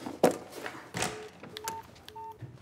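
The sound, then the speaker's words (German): Two short electronic dial tones beep in succession from a mobile phone keypad, preceded by a couple of soft thumps and handling noises, with no one speaking. “Was macht unser Gast? Der telefoniert.”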